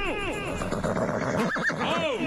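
A horse whinnies loudly, a shaky, wavering neigh with rising and falling pitch that fills the whole couple of seconds, with no talking over it.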